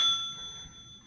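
A single bell strike rings out with a bright, high metallic tone, its clear overtones lingering and slowly fading over about a second, with no voices.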